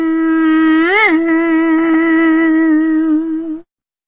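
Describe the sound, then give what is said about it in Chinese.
A small mosquito, the form Erlang Yang Jian has changed into, drones with a steady, nasal buzz for about three and a half seconds, swooping briefly upward in pitch near the start before settling into a constant whine and cutting off abruptly. “说了一声变，他可就变成一只小蚊子了。”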